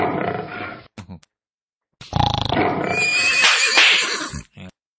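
A horse neighs loudly, a short burst followed after a brief pause by a longer, shrill whinny with a quavering, rising squeal before it cuts off.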